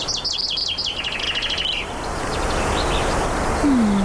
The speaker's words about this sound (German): man hört den Wind und Vögel singen